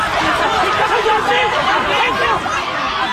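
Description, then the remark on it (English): A crowd of hundreds of youngsters outside the Shrewsbury Sky Zone and Walmart on a Sunday evening, a loud, dense babble of overlapping shouting and chatter with excited voices rising and falling throughout, as fights break out. “The sound of fights breaking out. Hundreds of youngsters Sunday evening outside the Shrewsbury Sky Zone and Walmart.”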